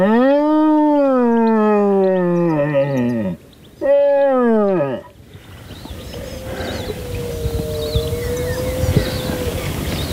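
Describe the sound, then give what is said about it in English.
A deer horn blown to mimic a red stag's roar in order to draw a stag out: two loud, bellowing calls that slide downward in pitch, the second shorter, then quiet outdoor ambience. “Alan tries to draw the stag out using a deer horn to mimic a roar.”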